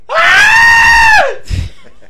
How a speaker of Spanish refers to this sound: Por ahí anda la cabra esa que... Sí. ¿Cómo grita la cabra?